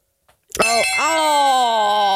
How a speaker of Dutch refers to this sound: Die bel hier in deze... De Dela doet echt zeer aan je oren, dat is niet normaal. Nou, ik zal je zeggen, deze ga ik stiekem meenemen ook.